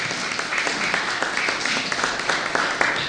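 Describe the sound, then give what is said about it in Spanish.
A crowd applauds the Lord, a dense wash of many hands clapping at once with sharp claps popping out of the texture, fairly loud and sustained without any talking. “Y le damos un aplauso poderoso al Señor.”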